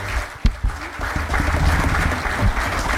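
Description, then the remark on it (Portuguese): An audience applauds steadily, dense overlapping claps forming a continuous, fairly loud wash of sound that carries on throughout, with a few sharper claps standing out near the start. “Um aplauso”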